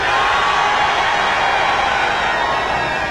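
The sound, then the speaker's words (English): A concert crowd in Winnipeg screams and cheers after being told to make some noise, one loud, unbroken roar, a dense wash of voices holding steady for about three seconds with no pauses or talking. “Your screams are music to our ears.”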